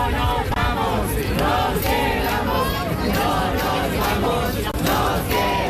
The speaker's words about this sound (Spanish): Alrededor de 2.000 personas que se concentraban a medianoche han coreado gritos, lo escuchan, de que se quedan